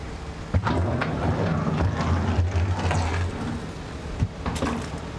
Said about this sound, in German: Inzwischen Windstärke 10. Bedingungen, unter denen Häfen an der Nordsee geschlossen werden können. Sicheres Anlegen und Abfahren ist auch im geschützten Hafenbereich jetzt nur noch schwer möglich. Naja, merkt ihr ja selber, Wind.